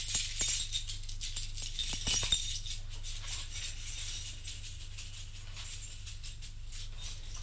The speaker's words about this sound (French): Prend de sa poche un trousseau de clés.